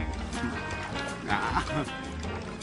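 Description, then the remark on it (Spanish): Water sloshes and splashes steadily as someone swims with capybaras, with a fuller burst of splashing about halfway through, mixed with voices. “Nadando con capibaras. El agua está muy mojada para mí.”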